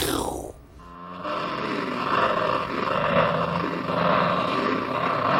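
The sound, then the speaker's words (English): A gritty, snarling growl like a panther's, produced by a heavily processed, distorted guitar panned across the stereo field at the end of a song. It opens with a quick downward sweep, then holds as a loud, rough, sustained roar for several seconds. “The sound of a panther at the end of it could mean a lot of things.”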